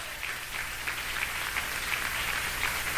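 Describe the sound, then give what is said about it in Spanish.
An audience at a church vigil claps hands for God steadily in a sustained, dense wash of applause, loud and continuous for the full few seconds with no voices on top. “Dan palmas a Dios, que Él vive.”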